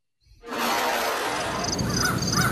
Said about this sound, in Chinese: 江世飞正在办公室逗弄他那只金刚鹦鹉